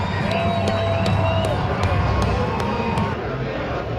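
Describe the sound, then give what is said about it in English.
A large stadium crowd in Surrey roars steadily after a goal is scored, a dense wash of cheering voices with scattered sharp claps or thumps cutting through, loud and sustained throughout. “Just the cheer that went up when that goal happened, but you could also hear in people's voices, they're kind of like, there's a little, what's the happy version of disbelief?”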